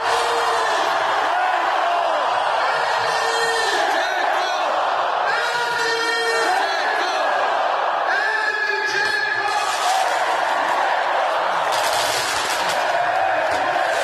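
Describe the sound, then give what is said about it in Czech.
A large crowd filling city streets in Bosnia chants and roars the name of footballer Edin Džeko continuously, rhythmic voices rising and falling, while sharp bursts of fireworks crack and pop throughout beneath the loud, sustained cheering. “Slyšeli jste pod tím vyvoláváním jména Edin Džeko i ohňostroj, opravdu to bouchalo, svítilo.”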